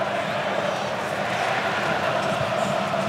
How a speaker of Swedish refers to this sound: De argentinska supportrarna vrålar på VM-finalarenan för att ingjuta mod och förtroende för sig själva